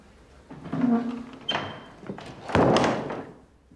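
A door creaks briefly, then swings closed with a soft knock and a heavier, fuller thud shortly after.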